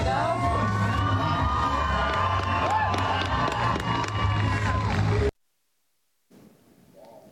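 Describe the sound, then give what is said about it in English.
A large crowd cheers and shouts loudly at the Heritage Days bull riding event in Maxwell, central Nebraska, hosted by Maxwell Fire and Rescue, as a firefighter in full fire gear rides a bull, a dense sustained roar with whoops for about five seconds, then silence before faint murmuring resumes. “taken to the back of a bull in full fire gear, trying to get the crowd into it before they fired open the chute.”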